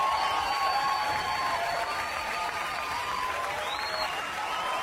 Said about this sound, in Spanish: fuerte los aplausos para todos los que lo logramos en este séptimo mes.